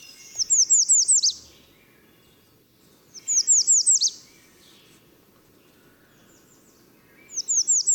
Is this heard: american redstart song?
yes